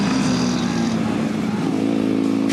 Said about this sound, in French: C'est sur le circuit de Marcoussi qu'on essaie la VFR 1200 de Caille.